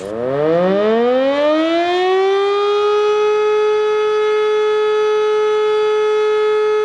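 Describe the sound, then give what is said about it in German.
A civil defense warning siren sounds in the annual early-October civil protection test alarm, winding up from a low growl to a steady, loud, sustained wail that holds its pitch for several seconds, with no voices present. “Dabei wird die Funktionstüchtigkeit der Sirenen im Land getestet und die Bevölkerung wird an die unterschiedlichen Signale für Warnung, Alarm und Entwarnung erinnert.”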